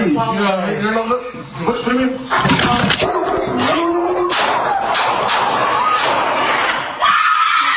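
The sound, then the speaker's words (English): Gunshots ring out in a rapid series of sharp, loud bangs as a Los Angeles Police Department officer shoots and kills a dog at an apartment complex in Canoga Park, while a person screams and shouts in distress, recorded harsh on a police body camera. “The Los Angeles Police Department releasing body cam video showing an incident during which an officer shoots and kills a dog at an apartment complex in Canoga Park, and you can hear the audio.”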